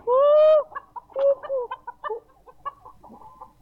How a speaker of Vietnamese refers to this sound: Bạn bè tri kỷ nhau, sáng anh chăm sóc gà cho gà ăn, không lo cho bạn anh ăn miếng nào.